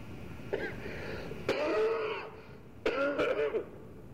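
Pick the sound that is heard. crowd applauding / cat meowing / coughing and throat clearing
coughing and throat clearing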